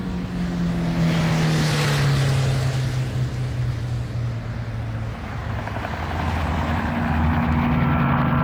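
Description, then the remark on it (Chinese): A Ford car's engine roars loudly as the driver starts it and speeds off toward Minggugong airport, its steady drone dipping in pitch before climbing again as it accelerates, with no voices over it. “驾驶员问也不问，默契地发动车子，飞速朝着明故宫机场驶去。”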